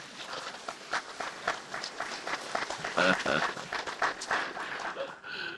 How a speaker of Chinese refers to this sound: 啊！你那个鼓掌，你哪唔敢到处挤？